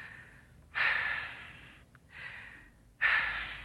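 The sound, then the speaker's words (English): Two deep breaths: a long, airy inhale, a softer sighing exhale, then a second strong intake of breath. No one speaks. “Take two deep breaths.”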